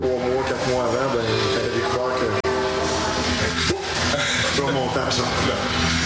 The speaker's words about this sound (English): A train wound its way through downtown Lac Mégantic.